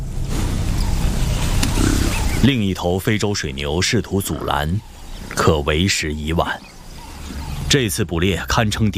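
A male lion hunting in daytime attacks African buffalo that fell behind while climbing ashore after a river crossing, going for a small calf: about two seconds of loud, rough, low growling and thrashing commotion, followed by a man narrating calmly while the sound continues faintly underneath.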